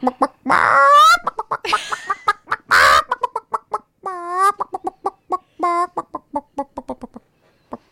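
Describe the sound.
A person in a studio imitates a chicken, with a long run of loud clucks and a few drawn-out squawks. The clucks come in quick, uneven bursts and taper off near the end.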